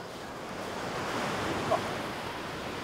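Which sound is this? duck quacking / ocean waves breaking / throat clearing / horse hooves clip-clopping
ocean waves breaking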